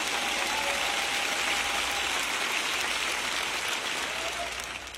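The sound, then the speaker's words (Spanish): An audience applauding steadily, a dense wash of clapping that holds at an even level for several seconds, then begins to taper slightly at the end. No one speaks over it. “Yo sé que están más emocionados que un aplauso.”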